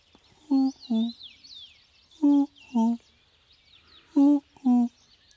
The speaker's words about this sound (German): Das Ganze garniert mit Mondlicht und dem Schrei einer Eule.